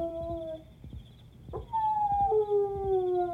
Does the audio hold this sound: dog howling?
yes